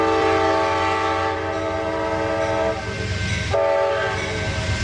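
An Amtrak passenger train rumbles by as its horn sounds loud, steady multi-tone blasts, breaking off briefly before a second long blast over the heavy low rolling of the cars.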